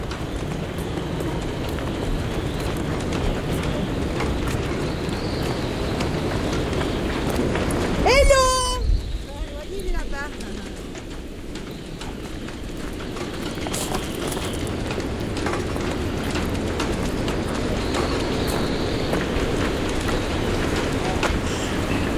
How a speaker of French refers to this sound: Ben vous n'avez pas beau temps aujourd'hui. Bonjour. On n'a pas beau temps. Mais c'est la tempête.